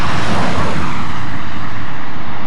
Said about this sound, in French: Ah, il y a une voiture.